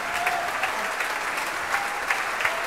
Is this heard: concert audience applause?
yes